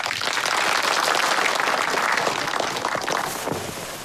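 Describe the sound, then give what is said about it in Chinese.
A crowd bursts into sustained applause welcoming a political commissar to lecture on the three-thirds system, a dense wash of many hands clapping at steady loudness before tapering slightly toward the end. No voices are heard. “今天啊，我们请邓政委给大家讲一下三三制，大家掌声欢迎。”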